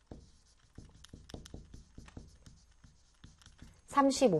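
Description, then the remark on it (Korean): Steady scratching of a pen or marker writing by hand, labelling the categories and percentages of a circle graph (paper 30%, then plastic), a run of short strokes over about four seconds, ending with a brief burst of voice. “그럼 나머지가 10으로 이제 항목을 써줄게요.”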